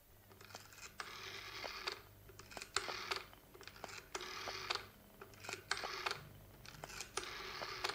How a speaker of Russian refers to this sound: Снимаете трубку. Набираете номер.